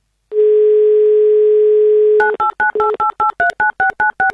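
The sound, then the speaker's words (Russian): A radio host dials a listener's phone number in Rostov Oblast on Avtoradio: a steady telephone tone drones for about two seconds, then gives way to a quick, even run of roughly a dozen short two-note dialing beeps, loud and with no voices. “Ух ты, вместо гудков пока первый гудок, давайте дождемся второго.”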